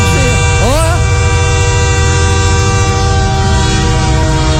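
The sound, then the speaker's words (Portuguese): A train roars past so close it nearly clips an onlooker's arm, a dense rumbling wall of noise with steady horn tones sounding throughout, loud and continuous from start to finish. “Agora, cadê o trem? Cadê o trem, apitão?”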